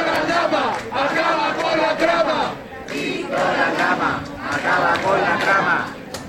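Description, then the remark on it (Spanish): A large outdoor crowd at a street demonstration in Madrid cheers and chants loudly in sustained waves, many voices shouting together with brief dips between surges, dense. “se conviertan para algunos sectores en una especie de héroes de la lucha contra la corrupción, hasta tal punto que hace justo han vitoreado en la calle de esta manera.”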